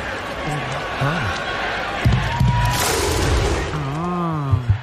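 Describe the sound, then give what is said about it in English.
A stadium crowd cheers in a steady, dense roar that swells briefly midway, with scattered shouting voices and a few sharp thumps rising above the noise. “I like that when the whole crowd gets involved.”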